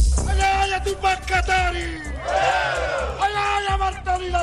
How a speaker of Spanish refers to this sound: Gritos, petardos y mucho gas lacrimógeno. Así fueron las manifestaciones en Bolivia contra el gobierno del presidente Rodrigo Paz.